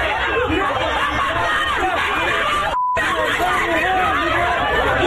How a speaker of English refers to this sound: Yeah, I mean, it was a very intense scene as people screaming and yelling